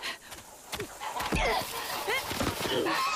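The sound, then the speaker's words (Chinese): Several nasal goose honks come in quick, irregular bursts, loud, over a steady outdoor rustling background; a mother goose with a group of goslings trying to eat planted seedlings. “坏大鹅，你叫你叫你叫，这么大手叫一些小鹅仔住嘴。”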